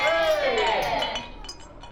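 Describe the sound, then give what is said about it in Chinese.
Several glasses clink together in a toast among people meeting again after many years, a bright ringing chime that fades over about a second, with soft indistinct voices murmuring in the background. “大家这么多年没见，今天不醉不归啊！来来，干杯！”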